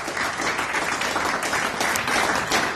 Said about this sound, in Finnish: Otetaan tohon kohtaan aplodit.